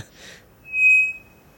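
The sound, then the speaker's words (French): A bellbird (araponga) from the Amazon gives a single loud, flat whistle, a pure steady high tone that does not change in frequency, held for about half a second with faint overtones, preceded by a brief breathy noise. “Ici, c'est un oiseau qu'on appelle l'araponga, qui vient d'Amazonie.”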